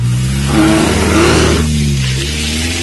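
A car engine revs hard, its pitch climbing as the vehicle accelerates away from a chasing lion, then eases into a steady drone as it pulls away. Loud, with no voices.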